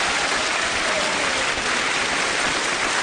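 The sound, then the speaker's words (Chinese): Sustained audience applause fills the whole stretch, a dense, steady wash of many hands clapping at once, loud and even without pauses or voices on top. “此处应该有掌声，我觉得，谢谢。”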